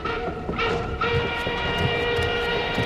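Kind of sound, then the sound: vehicle, train running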